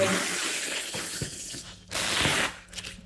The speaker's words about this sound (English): So unwrapping a Monet. Yeah. Just going to lift it to where it's going on the wall. I'm going to get the sounds of the unwrapping, actually. It's quite nice paper tape sound.